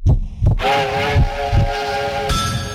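A train rolls by loud, its heavy rhythmic chugging pulsing steadily while a sustained, multi-toned whistle blows over it for a couple of seconds before cutting off.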